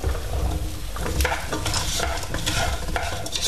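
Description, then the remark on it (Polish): Steady sizzling and crackling in a hot pot as small peeled sweet potato cubes are tossed into frying spices for soup, with irregular clattering bursts as pieces are stirred and tossed around in the fat; no voices. “I dorzucamy batata do garnka.”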